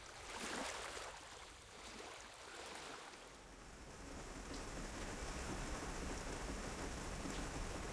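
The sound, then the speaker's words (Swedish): Steady morning rain patters against a window in a dense, continuous hiss, with softer, more muffled drumming early on that grows fuller and brighter after a few seconds. No voices. “När jag vaknar nästa morgon smattrar regnet mot fönstret.”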